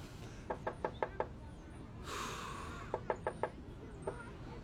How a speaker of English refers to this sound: Okay. This is the house. Okay. Let's go knock. Okay.